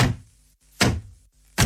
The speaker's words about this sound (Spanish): Pero una noche, él llegó a casa borracho. Y comenzó a golpear la puerta.